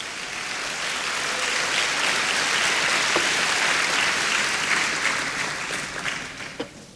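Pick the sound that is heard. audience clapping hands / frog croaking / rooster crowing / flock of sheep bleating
audience clapping hands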